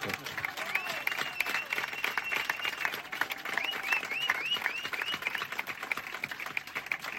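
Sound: loud applause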